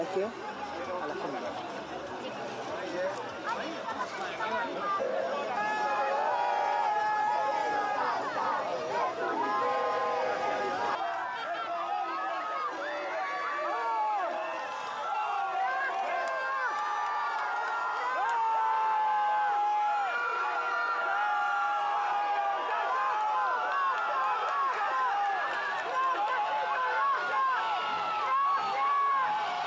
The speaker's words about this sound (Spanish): Es conmovedor ese grito de gracias, gracias, gracias, ya quebrando la garganta inclusive de la señora